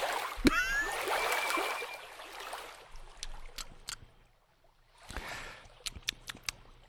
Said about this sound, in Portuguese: Ele tá fazendo um bochecho com a água, uma coisa que eu acho nojenta, né? Mas ele tá lá fazendo.